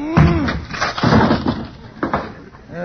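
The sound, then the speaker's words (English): A wooden closet door smashes apart as a person rams it to break out, a few loud crashes about a second apart, splintering and cracking, with a brief vocal grunt at the start. “I used my head on the last one.”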